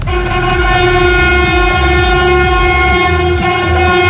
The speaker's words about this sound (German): Ja, beim zweiten Zug wurde es dann etwas lauter. Das war ein ICE von Altona nach Basel. 4.30 Uhr fuhr der über die neue Brücke und der grüßte dann auch die Mitarbeitenden der Bahn, die an der Brücke standen.